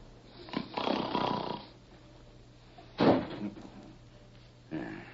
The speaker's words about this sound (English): What was that? Sounded like the wind caught a hold of a door and slammed it shut.